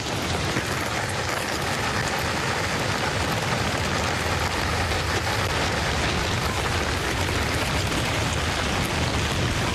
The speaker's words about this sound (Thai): และที่แย่กว่านั้นพายุก็กำลังมา ฝนเพิ่งเริ่มตกครับผมว่าพวกเราต้องหนีแล้วล่ะ